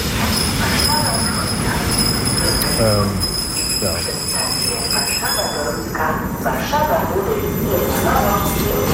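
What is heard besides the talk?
S-Bahn commuter train running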